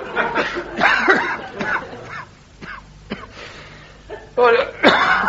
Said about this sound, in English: Excuse me, I'm so sorry. I'll say that's a nasty cough you got there, isn't it, Doctor? Yes, it's... What do you put it down to, then, is it? Oh, I don't know, overwork, you know. Not enough fresh air and smoking, I suppose, smoking too much.